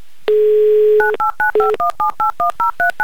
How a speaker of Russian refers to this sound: Заходите, открывайте прямую трансляцию, а я тем временем просто наберу номер телефона Сергея. Сергей, звоним в Челябинск. Ловите номер.